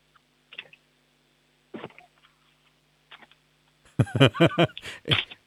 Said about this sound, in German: Wie wäre es mit einem Blatt Papier zerreißen?